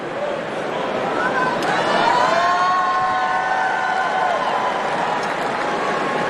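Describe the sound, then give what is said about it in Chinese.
A large crowd of spectators at the venue cheers and applauds steadily after a match, lingering and not wanting to leave, a dense roar of voices with scattered whoops and high shouts rising over it, holding at a constant loud level throughout. “现场的观众也是久久的不愿意离去啊”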